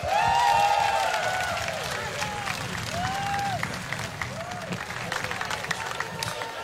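An audience applauds loudly and steadily, a dense wash of clapping with cheers and whoops rising over it, easing slightly in the second half.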